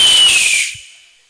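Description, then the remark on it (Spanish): A single loud, high whistle with a breathy hiss, sliding slightly downward in pitch before trailing off and fading away over about a second, with no voices. “Y sale el águila chiflando.”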